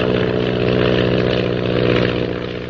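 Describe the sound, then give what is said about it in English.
An airplane engine roars as the plane pulls out of a spin toward the ocean, in a loud, steady drone with a deep, buzzing hum that holds level throughout, easing off slightly at the very end. No voices. “Suddenly, Lil pulls her plane out of the spin.”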